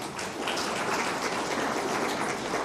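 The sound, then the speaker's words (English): A crowd gives a round of applause for learners who did well, clapping steadily, a dense wash of many hands applauding at once, sustained and fairly loud throughout with no voices standing out. “Ladies and gentlemen, for those that did well, let us give them a round of applause.”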